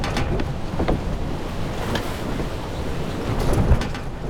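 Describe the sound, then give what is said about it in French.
Steady rushing water and wind surround a boat on a months-long crossing of the Atlantic to the port of Charleston, South Carolina, around 1710, with the sea washing continuously and occasional sharper splashes and creaks breaking through the broad, constant roar. “Après une longue traversée de plusieurs mois, leur bateau accoste dans le port de Charleston, en Caroline du Sud.”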